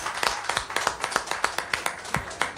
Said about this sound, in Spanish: vamos a cerrar este bloque con un gran aplauso para tu padre, el respeto y el cariño.